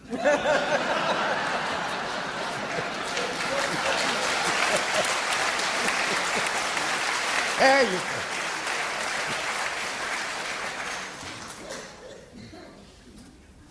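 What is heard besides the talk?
audience applause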